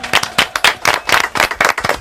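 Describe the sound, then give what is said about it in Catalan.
Loud applause from a group, a dense, steady patter of many hands clapping with repeated bright bursts, no talking over it. “Fort aplaudiment.”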